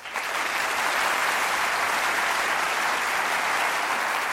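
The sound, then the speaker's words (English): Sustained audience applause on a national television program greeting Watson, a newly introduced computer contestant: a dense, steady wash of many hands clapping that swells in quickly and holds at full strength throughout, with no voices breaking through. “Just as I expected, that was a very warm reception, and I'm sure Watson would have appreciated the applause except for one thing.”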